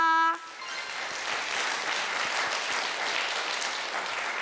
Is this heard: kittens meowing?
no